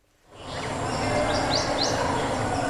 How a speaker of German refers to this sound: Die Vögel zwitschern, die Grillen zirpen und irgendwo in der Ferne plätschert das Wasser.